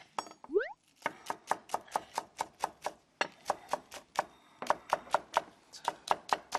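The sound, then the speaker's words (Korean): A knife finely slices large green onions on a cutting board while preparing a stir-fried fish cake side dish, in a quick, steady run of crisp taps, clear, pausing briefly twice before resuming the same even rhythm. “이 판을 송송 써는 이 소리가 너무 좋은 것 같지 않아요?”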